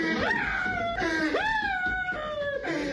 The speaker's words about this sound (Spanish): Vamos a escuchar ese momento tan incómodo para alguien como él. Agárrenlo, muchacho, porque se lo estamos poniendo. Ahí está llorando el vato.